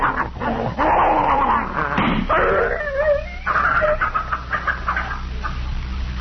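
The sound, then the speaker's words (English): A poisoned dog, being held and trying to bite, snarls and yelps in pain, loud, with a rapid run of strained, high whining cries and rough growls that continue without pause for several seconds. “He's trying to bite me.”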